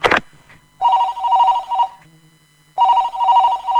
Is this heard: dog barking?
no